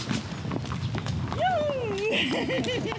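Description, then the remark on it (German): Horses walking on a horseback ride of nearly 40 kilometres up to the Bodden and back, with a steady, repeated clip-clop of hooves throughout, the sharp knocks fairly loud, while a person's voice speaks over the second half. “Der letzte Ausritt heute und der längste.”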